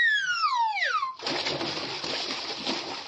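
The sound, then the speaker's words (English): A comic falling whistle slides downward for about a second, then a loud, sustained splash of water crashes in and churns until the end, like something plunging into the sea. “Mr. Soundman, on to the Arctic Ocean.”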